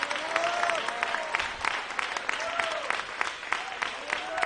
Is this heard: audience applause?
yes